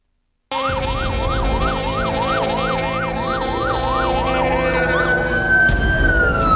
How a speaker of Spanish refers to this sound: Las sirenas de las unidades de bomberos se escucharon llegar a las 10:20 de la mañana en la terminal de almacenamiento y despacho de Petróleos Mexicanos de Mérida, al activarse la alarma de incendio.